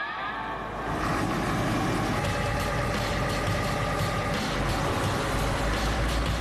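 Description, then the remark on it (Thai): A truck engine runs steadily, a deep continuous rumble with a rattling mechanical drone that grows louder after the first second and holds constant, with no one speaking. “สำหรับสิ่งรถบรรทุกคันนี้คือทางของพวกเขาร ถคันนี้มันดูโดดเด่นมากๆเลยครับเวลาอยู่บนท้องถนน”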